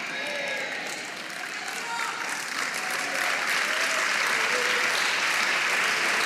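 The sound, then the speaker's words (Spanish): An audience claps hands for the Lord in a dense, sustained wash of applause that swells slightly louder partway through, with faint voices mixed into the steady clapping. “Vamos, dele palmas al Señor, dele palmas, dele palmas, dele palmas.”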